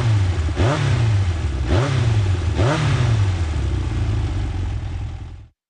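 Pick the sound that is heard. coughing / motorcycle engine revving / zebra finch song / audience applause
motorcycle engine revving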